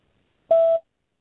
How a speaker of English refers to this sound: That sounded like a voicemail.